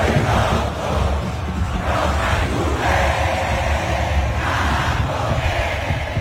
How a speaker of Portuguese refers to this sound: As ruas do Paraguai ficaram completamente entupidas de uma multidão a celebrar a passagem aos oitavos de final.